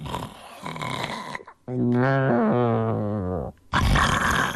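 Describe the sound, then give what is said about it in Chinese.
A voice imitates loud snoring: rough, breathy rasps bracket one long, droning, wavering snore in the middle, which ends in a brief pause before the rasping resumes. “他打起呼噜来了。”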